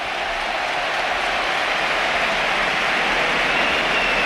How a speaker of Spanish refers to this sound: José Antonio Morante, 19 años, debuta en el costado izquierdo del Betis. Esta es la ovación.